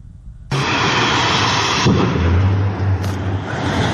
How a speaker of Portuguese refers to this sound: Esse incêndio começou por volta das 5 horas da tarde de ontem. Moradores da região chegaram a registrar diversas explosões com tambores lançados ao ar, além de fumaça saindo pelos bueiros das ruas vizinhas.